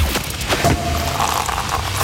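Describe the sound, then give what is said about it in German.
A sparkling wine cork pops with a loud burst near the start, followed by a steady fizzing hiss that carries on for the rest of the moment. “Wenn bei uns die Sektkorken knallen, dann ruft ihr schnell durch.”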